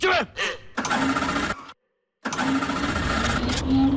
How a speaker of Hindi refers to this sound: धक्का लगाएगा बे। ये ऑटो स्टार्ट है।